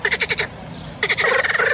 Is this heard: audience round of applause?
no